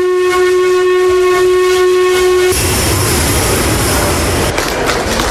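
A steam train arriving from Bratislava at Nové Zámky railway station in 2010 sounds a loud, sustained whistle for a couple of seconds, then cuts off into a rushing hiss of steam and rumbling train noise. No one speaks.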